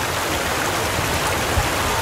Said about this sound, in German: Das Wasser, also unsere Lenne, das hört sich gut an, weil das entspannt auch ein bisschen deine Ohren, das Fließen vom Wasser.